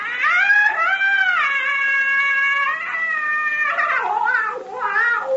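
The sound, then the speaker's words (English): A piercing, eerie scream, the witch doctor's call of death, holds high and loud for several seconds, then breaks into shorter wavering, cat-like cries. No one speaks. “Nakapa give witch doctor call of death. Well, that scream we heard was the witch doctor.”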